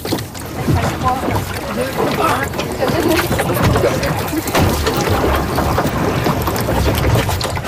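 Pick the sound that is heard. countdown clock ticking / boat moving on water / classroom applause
boat moving on water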